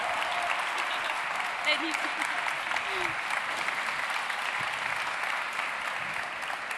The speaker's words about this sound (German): Und da dürfen wir nochmal laut applaudieren. Bitte einen großen Applaus für die Geschäftsführerin von Future Sachs, der Innovationsplattform hier in Sachsen,